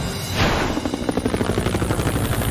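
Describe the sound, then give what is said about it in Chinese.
A helicopter passes overhead carrying a basket to a Ferris wheel to rescue a little rabbit, its rotor blades thudding in a steady, rapid chop over a loud engine whine. No one speaks. “天天，我们需要你驾驶直升机带篮子来摩天轮，小胡须又麻烦了。”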